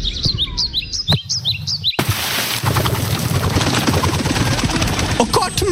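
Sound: birds chirping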